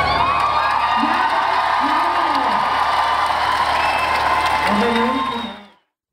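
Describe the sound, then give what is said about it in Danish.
A large outdoor crowd at the year's last Grøn Koncert in Valbyparken applauds a singer's final show as frontman, with cheers and whoops rising above the dense clapping, loud and sustained for several seconds before cutting off. “Og han blev klappet ud.”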